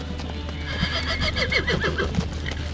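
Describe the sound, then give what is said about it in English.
A horse whinnies with a wavering, high neigh, accompanied by scattered hoof clops on a hard surface, all set against a steady low background hum, as competitors at Pond Hill untack their horses and load them into their trailers. “The competitors untack their horses and load them into their trailers.”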